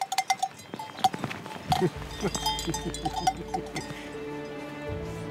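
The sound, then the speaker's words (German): Cowbells clank and jingle in an uneven, overlapping rhythm, with a low bovine murmur underneath and scattered metallic clinks; no one speaks. “Die Idee einer Ritterburg, die eigentlich nie für die Öffentlichkeit gedacht war, denn der Märchenprinz war menschenscheu, was man von diesen Kühen nicht behaupten kann.”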